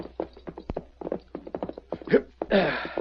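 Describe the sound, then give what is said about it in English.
Horse hooves clip-clop in a steady, uneven rhythm of sharp knocks as a horse reaches a stage station, ending in a louder rush of breathy noise, like a snort. “Must be a stage due. We're getting the mailbags ready. Fresh horses, too.”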